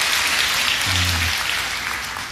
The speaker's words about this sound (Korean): 우리 타코마 3일교회에서 우리 또 귀한 성도님들이 저희 교회를 탐방을 오셨습니다. 좀 멀리 운전하고 오셨는데 어디 계시죠? 한번 자리에서 일어나시면 한번 일어나시죠. 예, 이렇게 방문 오셨는데 우리 큰 박수로 함께 해주셔서 감사합니다.